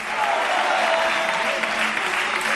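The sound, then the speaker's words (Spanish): Loud, sustained applause for the Lord from a crowd, a dense steady clatter of many hands clapping without a break, with faint voices mixed underneath. “Dale fuerte aplauso al Señor en esta noche.”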